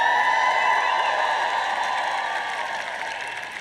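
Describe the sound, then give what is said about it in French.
A crowd cheers and shouts in a steady, loud roar that holds for a few seconds and then slowly tapers off, with no single voice standing out. “Nous obtiendrons des acclamations avant de partir.”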